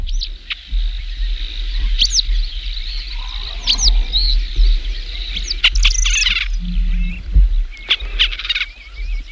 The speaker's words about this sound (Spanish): Bueno, pues estamos escuchando un águila real para también poder comparar el águila real, que tiene incluso mayor envergadura que la imperial. Es la otra gran rapaz andaluza, española seguramente.